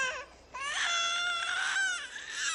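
An infant cries loudly, with a short whimper that breaks off, then a long, high-pitched sustained wail that wavers and falls before rising again. No one speaks.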